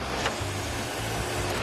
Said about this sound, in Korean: 그런데 그때 어디선가 들리는 소음. 차가 소리가 많이 난다. 뭐가? 곧바로 차량을 살펴보는데요.